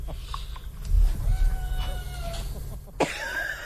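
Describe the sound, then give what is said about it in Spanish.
A cat meows in a couple of drawn-out, wavering cries, the first thin and steady, the last sharper and rising, over a low background rumble with no talking. “Sí, oímos que maulla, maricón.”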